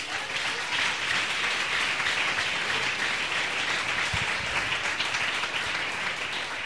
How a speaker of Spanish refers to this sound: Alabe a Dios. Den un aplauso al Señor.